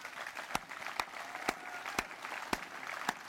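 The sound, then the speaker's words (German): Audience applause: a steady wash of clapping from a crowd, punctuated by sharp, louder claps landing at an even rhythm about twice a second, moderately loud throughout. “Und ja, Applaus.”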